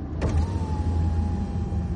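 A car's power window rolls down with a steady electric motor whine, starting with a soft click and holding an even hum over low engine rumble, on a January night while driving toward Pierre, the state capital, beside a stopped car full of girls.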